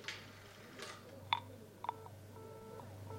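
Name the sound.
dialing a telephone number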